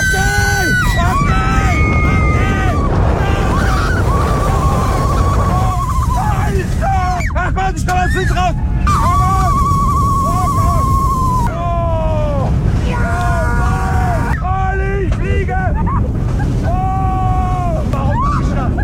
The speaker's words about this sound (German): aktuell ist der Bühlen-Ceylan beim Achterbahnfahren. 130 km/h mit dem Silver Star im Europapark Rust. Hört's mal.